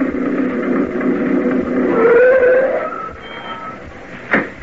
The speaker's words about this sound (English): the Martin family pulled up in Sam's old truck. We could have heard it coming a couple of miles away.